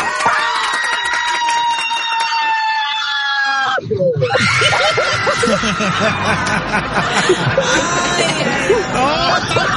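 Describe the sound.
A woman lets out a long, loud, sustained scream of mock terror for several seconds, then breaks off into giggling as overlapping voices and laughter carry on close by.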